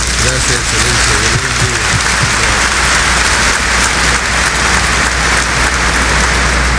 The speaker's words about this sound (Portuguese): E na pessoa de Dom Dimas, quero saudar todos os queridos padres concelebrantes para Dom Dimas e os nossos padres, uma salva de palmas.